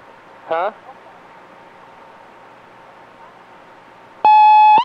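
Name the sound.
answering machine beep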